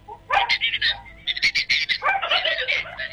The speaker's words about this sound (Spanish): Mira, hasta el perro le está respondiendo, ¿ah? Sí, el perro.